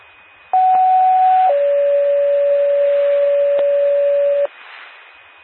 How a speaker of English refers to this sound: Attention Girard Fire Department. Girard Fire Department, this is a test of the Macoupin County 911 paging system. Will portable mobile please respond?